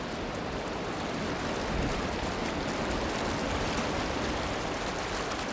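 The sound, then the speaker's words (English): A steady, dense roar of rushing white water, constant and full-bodied throughout with no pauses, fairly loud, with no voices present. “White water here sings.”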